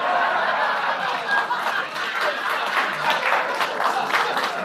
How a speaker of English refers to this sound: And you applaud.